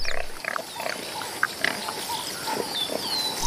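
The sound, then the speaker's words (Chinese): A male warthog, with lower tusks longer than a lion's canines, grunts in short, rough bursts scattered across a few seconds, with a steady outdoor hiss behind and faint high chirps drifting through. “这头雄性油猪下獠牙比狮子的犬齿长得多，还锋利得多，连斑鬣狗见了都要绕着走。”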